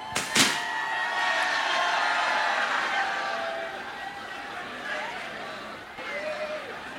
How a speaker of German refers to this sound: Und wenn ihr ganz lieb seid, hauen wir, das waren jetzt 4 Konfetti-Kanonen, hauen wir 27 Konfetti-Kanonen gleich raus.